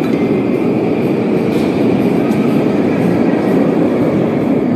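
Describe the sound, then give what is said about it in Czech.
A loud, steady rumble of a metro train running through an underground station in the Novosibirsk metro, with a constant roar and faint high squeals and no voices, lasting throughout. “Tak tady vidíš, jak se vzchází do metra, jo?”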